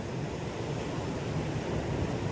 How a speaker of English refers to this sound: Okay, let's fade out the ocean.